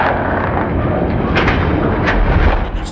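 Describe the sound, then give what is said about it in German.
A demolition blast bringing down an antenna tower erupts into a sustained, roaring rumble, with sharper cracks bursting through around the middle and end as the heavy, thundering noise stays loud throughout. “Und immer wenn ein Turm umgefallen ist, verschwindet auch sein Ton aus dem Soundtrack.”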